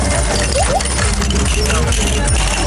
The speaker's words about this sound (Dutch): Dit zijn de plastic muntjes die op dit moment vakkundig door de medewerker in die attractie worden gelegd. In dat spel eigenlijk.